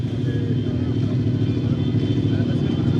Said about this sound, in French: On attend comme des dizaines, voire des centaines de supporters qui sont venus en deux roues, en scooter.